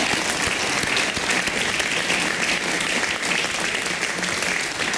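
Steady, dense applause from an audience for a newly founded band, many hands clapping at once in a continuous bright wash of sound that holds at an even loudness for the whole stretch.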